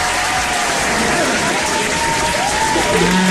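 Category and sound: sound effect, applause sound effect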